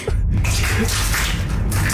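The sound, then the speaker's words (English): Steady wet sloshing and splashing of liquid with squishy, dripping textures running continuously for the whole moment, fairly loud and with no one talking over it. “You can hear all the liquid.”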